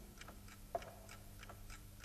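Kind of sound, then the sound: household object, watch ticking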